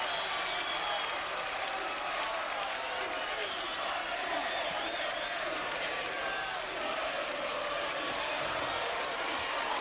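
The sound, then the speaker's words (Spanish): A crowd applauds a singer steadily and loudly, a dense, continuous wash of many hands clapping that holds its level for the whole stretch without pausing. “Un aplauso”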